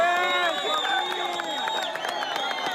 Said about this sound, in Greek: Εθελοντές και διασώστες ξεσπούν σε χειροκροτήματα.